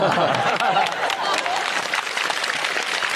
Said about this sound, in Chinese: 你是等我们鼓掌的吧？